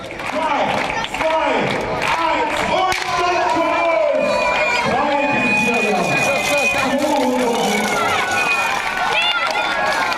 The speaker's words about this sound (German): Den Anfang machten die 3- bis 4-jährigen Minis, die jüngsten Teilnehmer des Tages. Sie sprinteten los und begaben sich auf den 200 Meter Rundkurs um den Marktplatz, bejubelt von Eltern und Zaungästen.